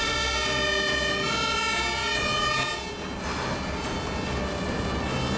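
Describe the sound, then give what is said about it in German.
A fire engine siren sounds continuously, heard from inside the vehicle with its windows closed, its tones slightly muffled over a loud, steady engine rumble, with a brief dip and shift in pitch midway and no talking. “Wenn die Fenster zu sind, dann hört man diese Sirene gar nicht so stark.”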